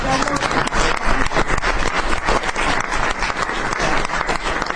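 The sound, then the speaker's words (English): Members of the press in a press room applaud steadily as Columbus Day is announced as back, dense clapping that fills the space without pause for about five seconds, fairly loud, with no distinct voices rising above it. “That was the press that broke out in applause.”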